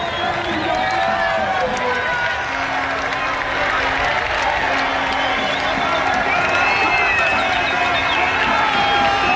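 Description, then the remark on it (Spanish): A crowd at footballer Pedro Porro's home in Don Benito erupts in celebration of his goal: sustained, loud cheering with many overlapping shouting voices and some clapping, holding at full intensity for the whole stretch without a break. “Así ha sonado el láser, el gol de Pedro Porro Eterno en su casa en Don Benito.”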